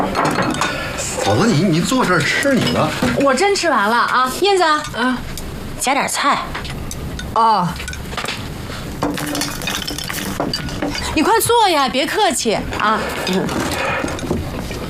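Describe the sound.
Bowls and chopsticks clink and clatter in a few sharp, scattered knocks, mixed in with lively conversation from several people around a dinner table.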